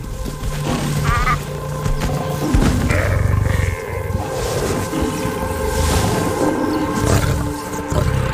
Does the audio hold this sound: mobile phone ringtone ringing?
no